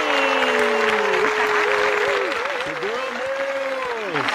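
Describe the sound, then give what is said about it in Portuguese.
A studio audience claps loudly and steadily to welcome a vocal group, a dense wash of applause that barely fades, with voices shouting and cheering over it throughout. “Vamos receber eles então, minha gente, com aquela calorosa salva de palmas”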